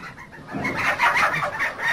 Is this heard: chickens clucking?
yes